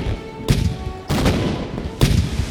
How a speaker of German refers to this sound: Jetzt heißt es, Feuer frei. Sie schießen mit ihren Kanonen auf das gegnerische Schiff.